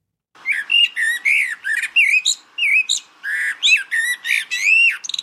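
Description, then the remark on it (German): A common blackbird sings a continuous run of rich, fluting whistled phrases, each varied and warbling, clear with short gaps between them and no other sounds. “Ich muss mal die Amsel, hören wir uns die Amsel nochmal an, den Platz 1.”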